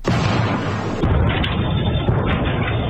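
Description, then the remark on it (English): A meteor's sonic boom, recorded by a dashboard camera around 2 o'clock on a Saturday afternoon, hits suddenly as a loud, deep blast that rolls into a continuous roaring rumble for several seconds, steady and heavy throughout, with no voices. “We don't have a picture of it, but this, listen to the sonic boom this thing created.”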